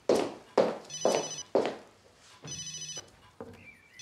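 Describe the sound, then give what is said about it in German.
The speaker's own mobile phone rings with a bright, melodic ringtone, its repeating tones pulsing steadily, while softer thumps and knocks sound in the background. “Nein, ist nicht Paul. Mein Handy.”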